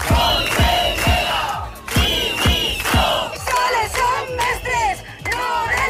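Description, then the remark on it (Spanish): A large crowd of protesting teachers outside the Consellería de Educación building shouts and chants in loud, rhythmic bursts, many voices rising together in repeated slogans with a steady beat of about two calls per second. “Estos son los gritos de los docentes que secundaban las protestas desde el exterior.”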